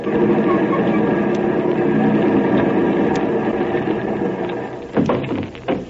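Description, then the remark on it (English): A car engine rumbles steadily at a low, even idle as the car, with a driver at the wheel, comes along a street toward a gate. Its droning hum holds constant for several seconds before a few short knocks and clatters break in near the end. “One more turn and the car will be right at that gate down there.”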